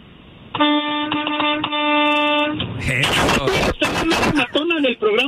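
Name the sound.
vehicle horn honking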